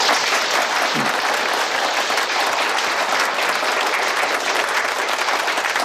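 Steady, dense applause from a sizable audience fills the whole stretch, loud and continuous with no pauses and no talking over it.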